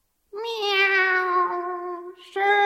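A long, drawn-out cat meow that slowly falls in pitch, followed after a brief pause by the start of a second meow. Both are loud, with no talking.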